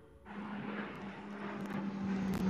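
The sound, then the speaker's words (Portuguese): An airplane bound for Chile passes overhead, its engine a steady droning roar with a low humming tone that swells gradually louder over a couple of seconds, with no one talking. “Ei, lá vem o avião.”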